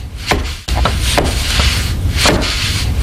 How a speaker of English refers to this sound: On a gray morning with light snow, a wiry man with a plaid shirt, a tool belt, and a full white beard taps weather stripping into place around a side door.